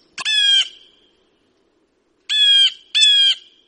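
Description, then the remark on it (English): Three loud, harsh bird calls ring out, a single raspy squawk followed after a pause by two more in quick succession, with no one talking. “kids remind me to appreciate the little things, like the birds right outside of our window.”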